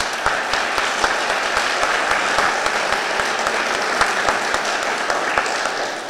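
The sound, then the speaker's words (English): Sustained applause from the audience at an Idaho state superintendent candidates' debate, a dense steady patter of many hands clapping at an even loudness for several seconds with no voices standing out. “No more applause.”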